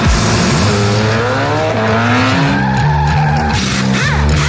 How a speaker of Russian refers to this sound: Чувствуешь, как машина просит скорости? Не дай ей сбавить ход.